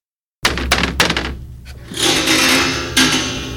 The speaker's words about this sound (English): The woman who owned the trailer court had a son who was divorced with three children, and one day he knocked at my door.